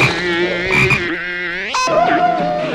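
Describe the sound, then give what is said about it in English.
A frog croaks loudly, two drawn-out, buzzy calls with wavering pitch running back to back with no pause and no other sounds. “I think you have my frog, and I have the reward for my frog.”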